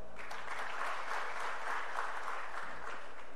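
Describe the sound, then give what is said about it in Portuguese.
A crowd applauds Léo Pereira of Flamengo as his name is announced in a list of players, a dense wash of clapping that holds a fairly even loudness throughout with no voices standing out. “Olha o Léo Pereira sendo mais aplaudido até agora, hein?”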